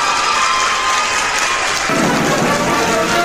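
A dense wash of clapping from a crowd, steady and loud for several seconds, a hiss-like patter that fills out and grows fuller partway through. No one speaks.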